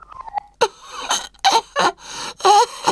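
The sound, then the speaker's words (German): The little king, a scarf wrapped around his neck, forces out a deliberate cough repeated in about five short, raspy bursts at an uneven pace, moderately loud, after a brief faint squeaky sound at the start. “Er wickelt sich einen Schal um den Hals und presst ein Husten hervor.”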